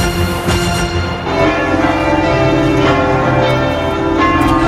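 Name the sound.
church bells ringing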